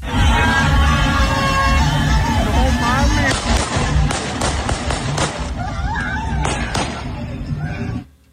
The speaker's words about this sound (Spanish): Estos policías municipales se les hizo fácil lanzar disparos al aire porque los aficionados comenzaban pues con estos festejos, rodearon la patrulla